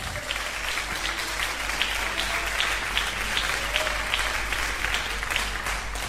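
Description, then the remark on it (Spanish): Sustained applause for the Lord from a crowd, a steady wash of clapping at an even volume throughout, with no voices standing out above it. “¿Quién da un aplauso al Señor?”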